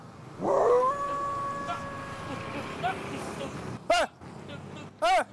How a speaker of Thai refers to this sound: เดี๋ยวหมากัด อะไรมันเห่าอะไร